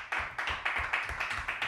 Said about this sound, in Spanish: Ahí, te ganaste el aplauso.